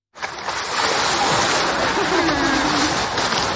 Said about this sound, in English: A recording made of the large South American sea lion Hugo at Liberec Zoo last week.